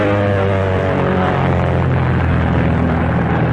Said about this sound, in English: With the student at the controls, the instructor in the rear seat directs her in the finer points of flying military planes in a military way, with tricky maneuvers.